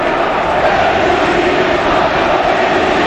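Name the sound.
stadium crowd ovation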